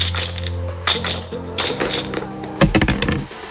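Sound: dice being thrown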